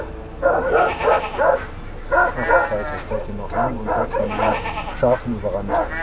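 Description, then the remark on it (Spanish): A guard dog barks loudly and repeatedly in irregular bursts of sharp, harmonic calls at an approaching tourists' car, defending its flock of sheep and its shepherdess, with bleating sheep mixed among the barks. “Y cuando se acercaron al rebaño, el perro guardián los enfrentó defendiendo a sus ovejas y a su pastora.”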